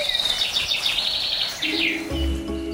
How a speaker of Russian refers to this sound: Кукушка прокуковала один раз. Это значит, мы оказались в лесу во втором часу.